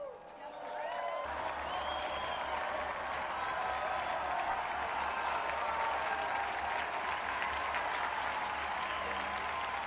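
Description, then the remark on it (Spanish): A large audience breaks into sustained applause for Blessed John Baptist Scalabrini, dense and steady clapping filling the space for the full stretch, with a low rumble underneath and a faint voice or cheer poking through. “Unidos, pues, a la familia Scalabriana, presente hoy en Guatemala, México, Brasil, Argentina y Chile, brindemos nuestro vivo aplauso al beato Juan Bautista Scalabrini.”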